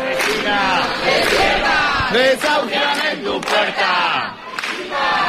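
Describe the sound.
A crowd of protesters at the door of a building in central Madrid, where an 87-year-old woman is being evicted, chants and shouts slogans against the eviction in unison, many voices loud and steady with rhythmic rises and falls, forming one continuous roar with a brief dip near the end.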